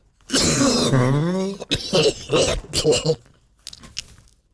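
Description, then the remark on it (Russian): A voice imitates a deep, guttural cough: a long rasping, groaning vocal burst followed by a quick run of rough throaty hacks, loud, trailing off into faint breathy sounds. “Да, вот и глубокий такой кашель, совершенно утробный должен быть такой, примерно такой.”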